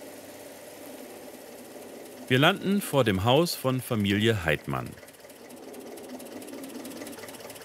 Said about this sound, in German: Wir stehen sozusagen auch unter Beobachtung, der Dorfbevölkerung nämlich. Kein Wunder, wenn man auf einem alten Landsbulldog über die Hauptstraße von Tram chauffiert wird.